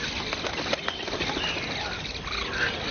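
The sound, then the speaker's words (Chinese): Fledgling herons at a wetland, leaving their nests in tall waterside trees to practise their first flights, flap their wings in a steady, rustling flurry that fills the whole stretch, with a couple of faint, high bird calls drifting in. “新生的小鸟到了离巢试飞的阶段，这是最危险的时刻。”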